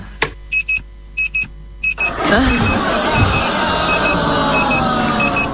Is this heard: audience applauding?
no